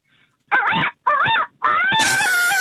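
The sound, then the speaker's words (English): A caller from Everton Hills imitates a rooster crowing, loud: two short warbling calls followed by a longer, drawn-out final note, with no other sounds around it. “A rooster”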